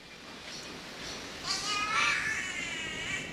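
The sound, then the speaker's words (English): An Australian catbird in the rainforest gives a drawn-out, wavering cat-like meow that rises and falls over a couple of seconds, clear above a soft, steady hiss of background ambience; the call carries a long way. “It does remarkably sound like a cat when you're in the rainforest.”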